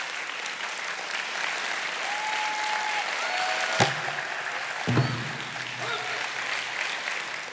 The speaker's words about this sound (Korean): 박수로 환영해 주시죠.